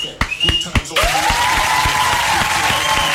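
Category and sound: crowd, applause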